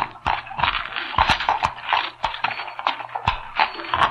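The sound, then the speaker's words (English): Horse hooves clip-clop at an uneven walking pace as several horses are led into an old mine entrance, the sharp knocks overlapping over a low, steady rumble, with no one speaking. “And this is an old mine entrance, high enough to lead our horses in.”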